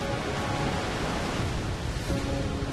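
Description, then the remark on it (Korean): The Peompapaeng waterfall pours down an overwhelming volume of water in a dense, unbroken rush, loud and steady throughout, with a low rumble beneath the hiss and no voices. “압도적인 수량으로 웅장한 자태를 뽐내는 펌파팽 폭포.”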